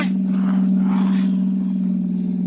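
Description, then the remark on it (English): A car engine drones steadily as the vehicle drives along the road, a loud, continuous hum with a low rumble and a faint rushing hiss, and no voices. “Just pull the car to a stop, and don't reach for your gun.”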